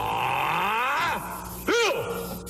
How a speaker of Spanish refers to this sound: Ándele, maestro, pues es usted increíble con ese grito, y creo que esto es un clásico, este grito habría que guardarlo porque es un clásico de siempre.